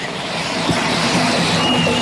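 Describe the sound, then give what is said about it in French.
Busy city street noise at a pedestrian crossing in Rennes, on the way to the metro, while waiting for the green pedestrian signal; a steady wash of traffic rumble with a faint rail-like hum underneath, continuous and fairly loud, with no one speaking. “moi qui parle toute seule en attendant le petit bonhomme vert pour rejoindre le métro de Rennes.”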